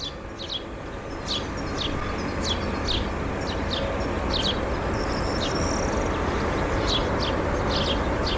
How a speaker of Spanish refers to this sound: Sonidos habituales de esta primavera, trinos de pájaros recogidos esta mañana en el concejo de Villodas.